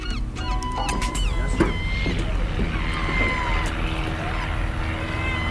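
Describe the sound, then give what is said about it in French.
A steady low engine drone from a few small planes of a local aeroclub passing overhead hums throughout, with sharp, scattered gull calls ringing out over it and faint voices in the background. “Alors, il y a quelques avions qui nous survolent, normal.”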